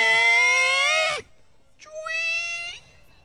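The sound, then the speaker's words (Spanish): A creaking door sound effect: two drawn-out, high squeals, the first loud and about a second long, bending downward at its end, then a short pause and a slightly softer second creak. “Compadre, y hasta que escucho un ruido de una puerta abrir. A ver, ruido de puerta”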